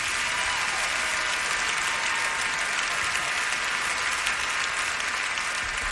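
Steady audience applause fills the whole stretch, a dense, even wash of many hands clapping at a constant, fairly strong level with no voices rising above it.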